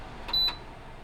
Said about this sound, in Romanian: O secundă, că am uitat să-l dau mai încet pe Artu Ditu din spatele meu. Adică ventilatorul. Imediat.